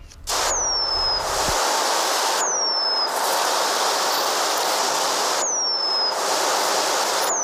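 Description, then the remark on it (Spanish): Eurasian penduline tit song: three thin, high, downward-sliding whistles spaced a couple of seconds apart, heard over a steady, loud hiss of background noise. “Hace tiempo que este canto, el del pájaro moscón, se apagó en la localidad vallesoletana de Nava del Rey.”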